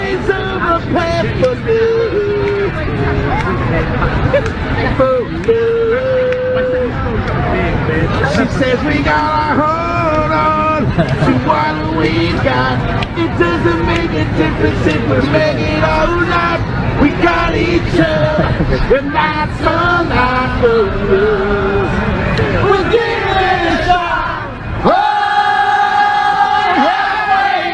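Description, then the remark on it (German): A large crowd in a park spontaneously joins a lone man on a park bench in singing a rock anthem, in loud, ragged unison, many voices blending into a sustained chorus with shouts and cheers, swelling again after a brief dip near the end. “Da sitzt so ein einsamer Kerl, vielleicht ein Obdachloser, auf einer Parkbank und fängt an, einfach diesen einen Hit vor sich hin zu trällern. Und plötzlich steigen alle mit ein.”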